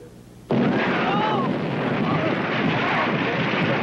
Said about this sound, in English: What's going on here? What is this? Explosion, Captain!